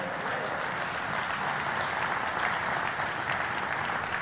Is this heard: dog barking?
no